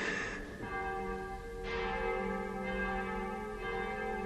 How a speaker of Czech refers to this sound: Proboha. Zvony. Co? Už zase.